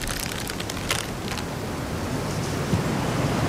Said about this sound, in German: Duert nicht mehr lang. Dat Unwetter, mein ich.